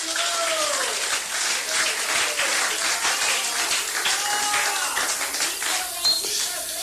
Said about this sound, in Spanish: Dele palmas a Cristo esta noche.